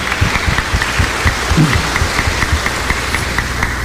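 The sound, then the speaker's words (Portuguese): An audience applauds the children and their parents, a dense, sustained patter of many hands clapping at once for several seconds without any speech. “Palmas para nossas crianças e seus pais.”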